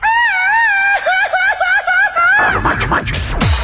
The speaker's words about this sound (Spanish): ¿cómo se grita por allá en la tierra superchiva?